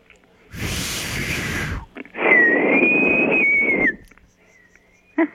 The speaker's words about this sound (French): J'appelle qui, moi, là, avec ça? C'est la grande question, je te dirais. Qui c'est que t'appelles en sifflant de même